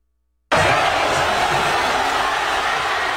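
A large crowd of Spanish fans at a fan fest in Madrid erupts into loud, sustained cheering and shouting at the final whistle after a brief silence, a dense roar of many voices continuing steadily without letting up.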